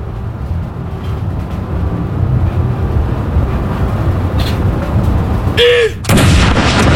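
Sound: cannon salute shot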